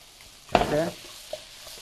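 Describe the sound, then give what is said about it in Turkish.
Onions sizzle briefly in a pot as they are stirred, a burst of hissing and scraping lasting under half a second, followed by a faint clink and quiet kitchen background. “Of, bu soğan kokusunu gerçekten çok seviyorum.”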